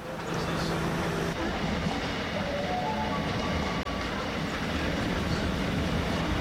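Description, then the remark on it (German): Steady rumble of a train rolling along the tracks, heard from inside a carriage, with continuous low noise and faint tonal squeals rising briefly midway. “Ja, gehen wir ein bisschen Zug fahren, oder?”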